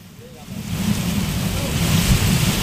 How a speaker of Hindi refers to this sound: जलभराव के बीच आसमान से बादल का बरसना जारी है। वहीं भारी बारिश की वजह से मुंबई की व्यवस्था चरमरा गई है।